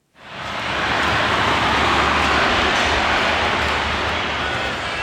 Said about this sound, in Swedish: En stor fläkt blåser ut kall luft bland tältsängarna där temperaturen ligger på nästan 40 grader. Gymnastiksalen i södra Madrid hyser just nu över 700 evakuerade personer.